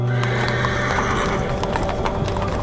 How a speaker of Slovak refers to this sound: Viedeň 1914, Korzo na Ringstrasse, Cirk Ecke, ruch a šum, hľúčiky ľudí.